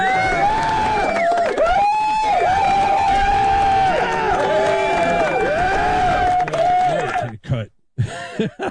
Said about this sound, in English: So big round of applause to